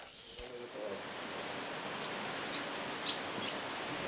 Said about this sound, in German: Gerade regnet es wieder, junge Hunde. Das finde ich jetzt schon ein bisschen gemein, dass wir nach knapp einem Monat so absaufen.